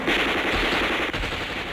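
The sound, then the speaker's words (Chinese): Sustained machine gun fire rattles continuously, a loud, dense stream of rapid shots with no pauses and no voices, as a regiment fires on enemy troops crowding a pontoon bridge over the Wu River. “射击！”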